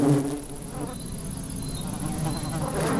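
An ivy bee buzzes steadily, its drone rising and falling slightly as it moves, with a faint high whine running through the background and no voices.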